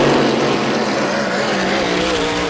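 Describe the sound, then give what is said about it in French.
A hydroplane racing boat built for speed competition roars loud at the Cocagne regattas on the Cocagne River, a steady high-powered drone with a slowly shifting pitch, blending into broad rushing noise with no voices. “Les bateaux de régate sont des hydroplanes conçus pour la vitesse en compétition.”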